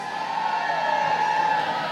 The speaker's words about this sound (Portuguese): Agora é o seguinte, quero escutar bem forte o grito das mulheres.